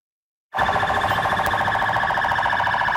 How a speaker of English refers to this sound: Sirens blaring on a military and police convoy in Baghdad. Iraqi forces parading in the streets to mark the end of the U.S.-led coalition mission in the country.